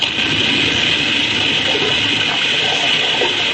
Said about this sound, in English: Look at that earth slide.